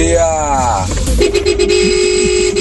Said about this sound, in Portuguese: Olha o buzinaço. Aê, parceira! Os caras estão fazendo um barulho legal na madruga com a gente aqui na Band FM